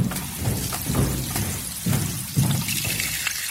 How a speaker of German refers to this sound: Schon zum zweiten Male, wie das Becken schwillt, wie sich jede Schale voll mit Wasser füllt.